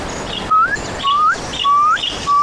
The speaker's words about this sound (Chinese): 一阵急促的鸟鸣打破了夜晚的幽深。